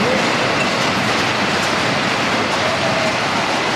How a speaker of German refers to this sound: In einer Glasfabrik hält man es wirklich nicht ohne Ohrenschützer aus. Die Maschinen sind einfach zu laut.